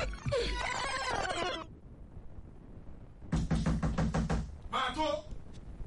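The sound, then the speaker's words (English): Loud, rapid knocking on a door comes in two bursts of repeated hard raps, following a stretch of voices and clatter at the start. “Who be that? Who won't break my door?”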